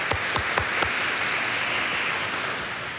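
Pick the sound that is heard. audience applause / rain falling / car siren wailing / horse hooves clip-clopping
audience applause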